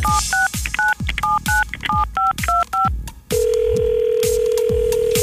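A quick series of about nine telephone keypad tones beeps in steady rhythm, followed by a steady ringback-style tone over a faint hum, loud with no talking, as Star 95 radio phones a listener.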